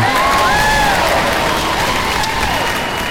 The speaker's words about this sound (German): Heute, 12. Mai, ist Internationaler Tag der Pflegenden. Und da ist an dieser Stelle jetzt zuerst mal ein Applaus fällig.